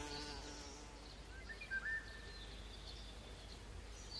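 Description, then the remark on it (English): A bee buzzes steadily as it escapes a spider's attack on a wildflower shaken by the wind, with a brief louder surge of wing noise partway through, set against a soft outdoor background with faint bird chirps. “It snatches at its prey, but the wind shakes the flower, allowing the bee to escape.”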